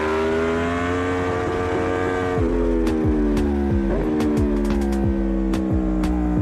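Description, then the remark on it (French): A motorcycle of about 190 kg accelerates on a circuit after the chicane and the Chapelle corner, its engine roaring loudly and steadily, its pitch stepping at two gear shifts partway through, with a few sharp clicks over the drone. No one speaks. “Là on accélère sur l'ombre.”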